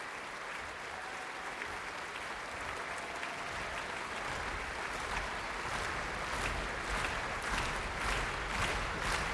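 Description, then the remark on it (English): Sustained, dense applause from a large concert audience, with the orchestra also applauding as the soloist comes on stage; a steady wash of many hands clapping at once that swells slightly louder toward the end, with no voices. “Kirill Gerstein is coming on stage. Applause from the orchestra too.”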